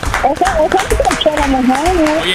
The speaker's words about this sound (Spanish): Vamos a darle otro aplauso, señores.